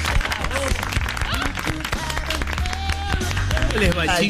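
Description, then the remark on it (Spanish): Steady audience applause fills the space, loud and continuous, with many overlapping claps mixed with crowd noise and a few voices talking over it. “Fuerte el aplauso”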